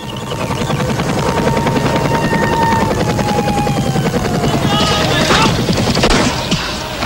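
A loud, steady helicopter rotor chop fills the scene, with whining engine tones and rapid bursts of gunfire crackling through near the end, in a Jordanian army attack with artillery, tanks, planes and helicopters on Palestinian fedayeen bases.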